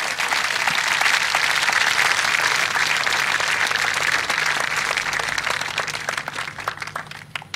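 Sustained applause from a large audience at a ceremony for new Israeli Navy officers, a dense wash of many hands clapping at steady volume before gradually thinning out toward the end.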